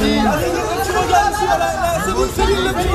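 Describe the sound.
A loud crowd of fans cheers and calls out a singer's name together, greeting the Québécois singer's arrival in Paris this morning, many overlapping voices rising and falling in excited, chant-like bursts for the full three seconds.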